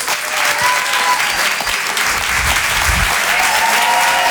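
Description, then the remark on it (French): A crowd at a Rire et Chanson comedy evening applauds comedian Karim Duval, a dense, loud wash of clapping that holds evenly for several seconds with no voices rising above it. “On va l'applaudir très très fort lui aussi, s'il vous plaît.”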